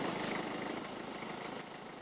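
A tractor engine chugs steadily and fairly loudly nearby, a continuous rough mechanical drone that holds an even level throughout, with no voices over it.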